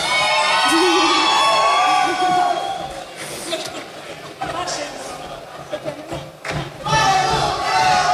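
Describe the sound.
A crowd cheers and whoops loudly for several seconds, high excited voices layered over a dense wash of clapping-like noise that dips briefly before surging again.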